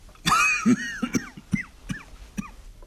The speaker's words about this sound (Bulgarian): Защо кашляш? Задавих се.